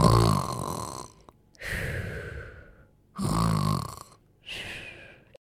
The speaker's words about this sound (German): Tabaros trinkt einen Schluck und fällt sofort um und schnarcht.